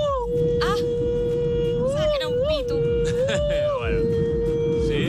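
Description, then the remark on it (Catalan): A voice imitates a racing car with a sustained, droning engine-like hum that holds a steady pitch, wavering and bending briefly a few times over several seconds, with a rough buzzy texture beneath. “Imitar el cotxe d'un so de cotxe de carreres.”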